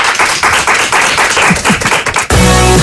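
Dense, steady clapping from a crowd fills about two seconds, then breaks off abruptly into a loud, sustained musical tone with no talking.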